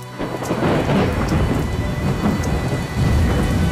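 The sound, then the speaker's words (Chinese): Deep, rolling thunder rumbles loudly outside a house through steady, heavy rain during a storm with lightning, the low roar swelling and surging continuously over the downpour's hiss, with no voices present. “屋外响起了雷鸣，闪电照亮了陈一鸣充满着坚毅的脸。”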